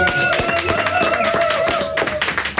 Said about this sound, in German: Wir geben mal einen motivierenden Applaus bitte für Merle.